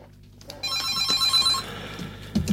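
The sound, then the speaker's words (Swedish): A telephone bell rings loudly with a bright, metallic trill starting about half a second in, sustained for over a second before fading, with no voices present. “Ja, då tackar vi för beviset att telefonlinjen fungerar.”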